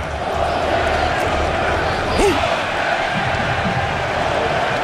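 A stadium crowd of fans roars and cheers in a loud, steady wash of noise for the whole stretch, with a single shout rising briefly out of it around the middle.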